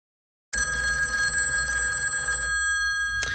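After a moment of silence, a telephone bell bursts into a loud, continuous metallic jangle that rings steadily for a few seconds, ending with a sharp click near the close.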